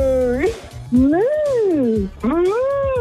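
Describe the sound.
A person imitates a cow on Melbourne radio station Kiss 101.1 with three drawn-out, rising and falling moos, loud, each voiced call swooping up then down with short breaths between.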